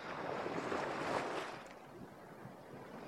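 A wave surges up onto a beach in a broad, hissing rush, then slides back and fades into a softer, steady wash of surf. No voices, just the sea.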